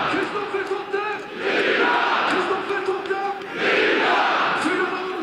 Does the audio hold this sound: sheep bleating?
no